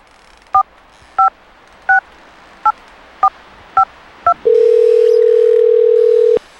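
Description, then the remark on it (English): Seven quick, evenly spaced telephone keypad beeps as a number is dialled, followed by a steady, loud ringing tone on the line while waiting for an uncle to answer, holding for about two seconds. No one speaks. “Yeah, come on, Unc. Answer the phone. Pick up the phone.”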